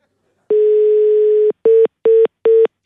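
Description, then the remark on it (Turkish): A mobile phone line tone for a call that won't connect, not a busy signal: one steady one-second tone, then a run of short, evenly spaced beeps at the same pitch, loud and clear with no voices. “Oğlum ama bu düşmeme sesi yani.”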